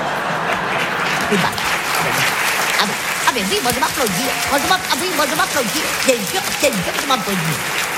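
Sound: one person applauding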